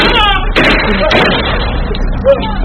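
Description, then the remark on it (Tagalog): Three sharp gunshots fired by a gunman, captured on CCTV footage in Santa Maria, Bulacan, crack out at uneven intervals over a muffled, band-limited recording with constant background hiss, the first two close together and the last one softer. “Tatlong putok.”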